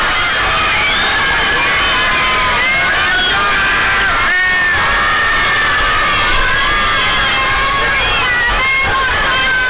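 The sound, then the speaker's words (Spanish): Hundreds of fans outside the Mexican national team's hotel cheer and scream nonstop as the players leave, loudest for Memo Ochoa; many high-pitched voices overlap in a loud, steady roar with a brief dip midway before surging again. “Es increíble que los gritos en una gran cantidad, los gritos se los lleva Memo Ochoa.”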